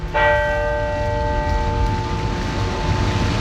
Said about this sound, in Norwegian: Gravferdsseremonien ble innledet med tre klokkeslag fra alle landets kirke.